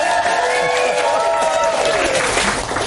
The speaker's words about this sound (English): You've just brought everybody in this pub, Merlin's, around. Which I did. A round of applause for that, I think.